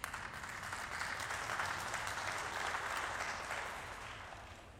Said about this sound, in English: I hope that those of you who didn't clap also agree.